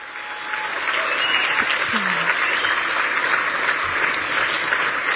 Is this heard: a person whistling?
no